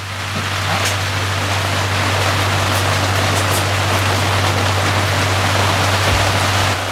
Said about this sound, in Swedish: Och då regnade det lite grann här inne, som du kan höra.